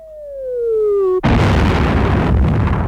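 A falling whistle glides down for about a second, then a single loud gunfire blast bursts out and roars on as a dense rumbling crackle until the end. No voices.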